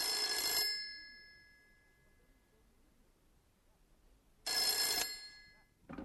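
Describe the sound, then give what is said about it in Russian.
An old-style telephone bell rings loudly in two bursts about four seconds apart, each a harsh metallic trill with a lingering ringing tone, separated by a quiet pause. “Это наш Петя звонит.”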